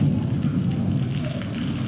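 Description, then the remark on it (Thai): A deep, steady rumble of thunder rolls beneath a wash of heavy rain, loud, continuing without a break for the whole short stretch with no voices. “ฟ้าร้องด้วยนะคะ”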